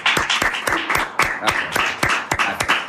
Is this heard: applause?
yes